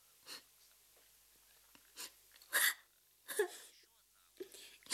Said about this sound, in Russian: Почему же вы плачете, тетя Мэри?